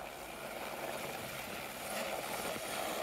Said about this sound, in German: Aus eigener Kraft käme das Tier nicht wieder heraus. Deshalb haben sie den Hubschrauber gerufen.